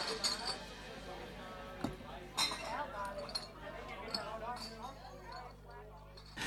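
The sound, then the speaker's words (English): Beer glasses clink together in a toast, a few bright, sharp taps, over a steady low hum and murmuring voices in the background. “Here's your beer, brother. Cheers.”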